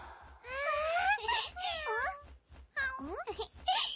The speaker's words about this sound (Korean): 안녕 고양아, 이름이 뭐야? 야옹야옹 하니까 야옹이라고 부르자.